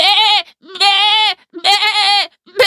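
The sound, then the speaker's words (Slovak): Sheep bleat loudly, three long wavering calls in quick succession, each a harsh quavering baa with brief pauses between, and a fourth starting at the end. “Ovce zmetene békali.”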